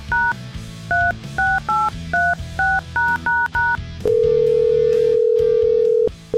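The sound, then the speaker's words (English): A quick run of about ten touch-tone dialing beeps, each a short two-note chirp, followed by a long, steady, low-pitched tone as the radio station The Wolf places a call to its grand prize winner in Baltic, Connecticut, over a faint low hum. “And it's time to call the grand prize winner.”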